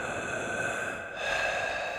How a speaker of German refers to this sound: Hier war es noch dunkler als oben, noch kühler und sie hörte unheimliche Geräusche. Da vernahm sie aus einer Ecke ein langsames Atmen.